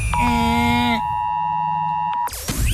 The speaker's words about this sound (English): And then later on in the show, everyone is still talking about it. That's right, the Oz Alert Alarm.